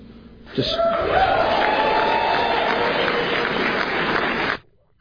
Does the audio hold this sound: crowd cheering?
yes